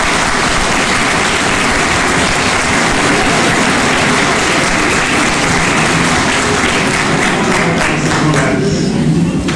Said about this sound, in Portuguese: Esta Bíblia é um presente de nossa congregação. Nós a recebemos com uma salva de palmas.